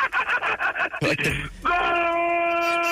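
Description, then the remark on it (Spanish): A rapid burst of excited Spanish-speaking voice gives way to a loud, drawn-out football goal shout of "¡Gol!", one sustained steady note held until the end. “Enseñen a la gente cómo se grita un gol de Quiñones”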